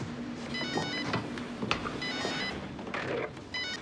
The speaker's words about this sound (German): Telefon. Ich schaff das blöde Ding wieder ab. Ich denke, das ist so praktisch.